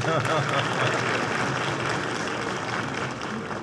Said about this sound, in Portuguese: Faltou aplaudir nosso senador Laércio.